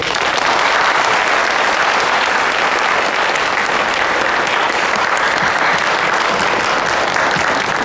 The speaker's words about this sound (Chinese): 加油， 掌声有请。